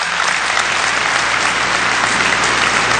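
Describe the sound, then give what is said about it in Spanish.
Steady, dense applause from an audience, a continuous wash of many hands clapping at an even loudness with no voices standing out. “Lo aplauden de nuevo.”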